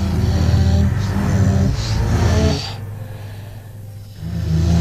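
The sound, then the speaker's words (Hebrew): Heavy, breathy sounds mingle with warped, backward-played tones over a deep sustained drone that shifts in pitch a few times, loud, with no one speaking. “נשימות, צלילים ברוורס.”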